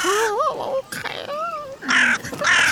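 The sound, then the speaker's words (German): A black crow that is following people caws repeatedly, loud, harsh calls in an irregular run, some wavering and rising, the last few rougher and more grating, with no talking. “Ein Rabenvogel ist das. Eine Krähe, so wie ich das sehe.”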